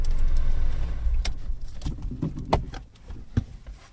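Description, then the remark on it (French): Ambience in a golf club parking lot at Vieille Toulouse, with a low rumble of a car engine fading out, followed by scattered light clicks and taps, footsteps or small handling sounds, no one speaking. “Eh bien, nous sommes entre une voiture extrêmement propre et de couleur jaune et une voiture extrêmement propre de couleur grise métallisée. Nous sommes dans le parking du golf”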